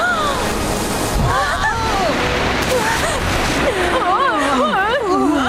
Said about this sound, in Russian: О, вот еще одна волна!